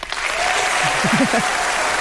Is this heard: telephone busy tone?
no